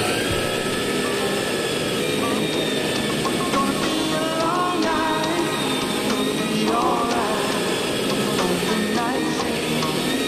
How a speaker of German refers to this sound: Das ist die Uhrzeit, das ist die Tageszeit, Kernarbeitszeit für den Staubsauger. Der ist so laut, der verschluckt uns doch tatsächlich den nächsten Song.